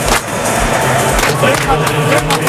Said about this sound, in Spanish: No son palmas flamencas, son el folclore típico sudafricano.